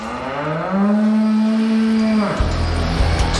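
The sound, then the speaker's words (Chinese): A cow lets out one long, loud moo, holding a steady low tone for over a second before it breaks off into a dull, rumbling background noise; adult dairy cows feeding in a well-ventilated large shed. “通风良好的大棚里，成年奶牛尽情享受每餐。”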